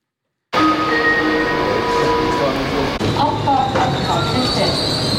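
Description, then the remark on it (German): A passenger train pulls into Artgoldau station and stops, its wheels and brakes squealing in high, drawn-out tones over a loud, steady rumble that starts abruptly and continues throughout. “Ein Personenzug stoppt beim Bahnhof Artgoldau.”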